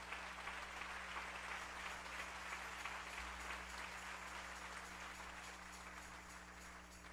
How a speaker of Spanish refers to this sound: Dele ese aplauso al Rey en esta mañana.